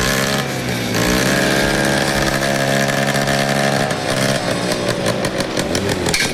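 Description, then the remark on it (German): Loud motor engines rev and roar at the Defli Rally in Ennetmoos, their pitch rising and falling in strong sweeps, with a rough, buzzing, chainsaw-like edge and no voices. “Wir erfahren es morgen Morgen und es wird etwa ein bisschen Motoren. Für gewisse Leute ist das Musik in den Ohren, oder?”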